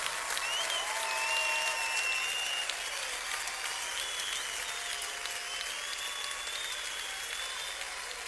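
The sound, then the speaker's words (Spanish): Sustained applause for the Lord from a large crowd fills the space, a steady, dense wash of clapping at even loudness for several seconds, with a few faint cheers or tones weaving through. “Oh, dale al Señor un aplauso como Él merece.”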